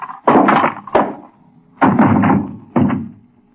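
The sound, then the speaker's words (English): Several heavy, dull blows, four loud thumps in an uneven rhythm, as a man is struck on the head with a paperweight, with short pauses between and no voices. “What'd you hit him with? Just a paperweight.”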